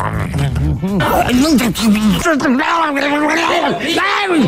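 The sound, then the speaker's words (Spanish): A person vocally imitates a vulture eating a carcass with a continuous stretch of raspy, warbling, gurgling squawks and hisses, loud, rising and falling in pitch without real words. “¿nunca has visto un sopilote comiendo un cadáver de algo?”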